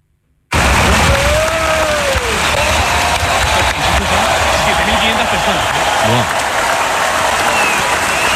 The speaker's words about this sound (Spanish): Escuchamos la ovación.